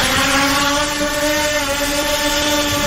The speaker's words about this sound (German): Eine Drohne über dem Strand. Was machten die hier? Filmt die hier die Leute oder was? In Griechenland.